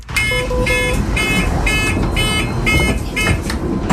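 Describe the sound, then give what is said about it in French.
A bus warning beep repeats about seven times in a steady, even rhythm, loud and shrill over a constant low rumble of engine and traffic noise. “Pourquoi, effectivement, ce bip sonore, est-ce que ça pourrait un peu se régler ?”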